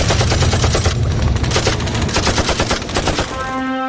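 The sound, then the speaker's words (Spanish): Sustained machine gun fire, rapid overlapping bursts of sharp cracks forming a dense, loud rattle throughout, with a low rumble underneath and a brief tonal whine near the end. “Ellos nos van a disparar con todo el armamento que tienen.”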